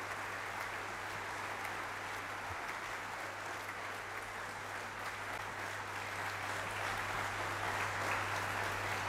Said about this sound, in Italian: Anche applausi ritmati, insomma, è una sicuramente una bellissima accoglienza. E abbiamo sentito anche nelle altre sere, appunto, che il pubblico dei concerti di Radio France è molto molto caloroso. E sentite appunto gli applausi battuti ritmicamente